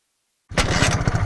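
After a brief silence, a motorcycle engine suddenly roars to life, loud and steady, with a rapid low chugging rumble from the muffler.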